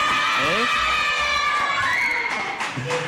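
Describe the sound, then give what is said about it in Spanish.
A crowd of schoolchildren cheers and shouts in high, excited voices, with clapping mixed into a loud, steady roar that holds for the whole few seconds. The children are applauding and laughing on cue during a special program. “Que saben guardar silencio, han estado calladitos, pero cuando se les dice que aplaudan y que se rían y todo eso, pues a divertirse.”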